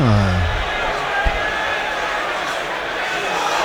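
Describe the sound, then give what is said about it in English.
A stadium crowd of 2,000 Leicester supporters howls indignantly as a tackle is checked, in a loud, sustained wash of voices that barely lets up, with a brief dull thud partway through. “The Leicester crowd, the 2,000 Leicester supporters are howling indignantly.”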